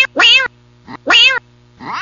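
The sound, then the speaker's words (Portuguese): A cat meows loudly, two long drawn-out meows with shorter, softer mews between them, over a faint steady low hum. “Tem gato, tem fiol de gato. Tem o filhotinho, né? Dos gatinhos.”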